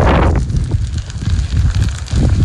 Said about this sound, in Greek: Άνεμοι που πνέουν αυτή τη στιγμή εδώ στην περιοχή είναι περίπου 6 με 7 μποφόρ.